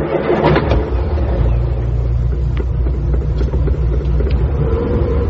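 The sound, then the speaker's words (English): An old Ford Zodiac's engine turns over and rumbles to life, then revs and pulls away from a house, a loud, steady low growl with a few sharper clunks near the start. “The car snorted at them sullenly as they drew away from the house.”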